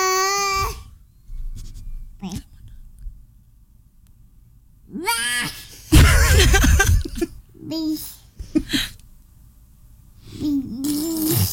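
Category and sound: human body sound, baby babbling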